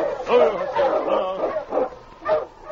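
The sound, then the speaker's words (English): The husky King, Sergeant Preston's dog, whimpers in the snow outside a cabin, sensing death, letting out a run of plaintive, wavering whines mixed with short yelps, rising and falling over a few seconds with no one speaking. “Sergeant Preston noticed his plaintive whimpering.”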